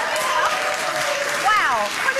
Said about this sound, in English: In case if you couldn't hear at home, basically universally everybody yelled, "Drink it!" What a crowd.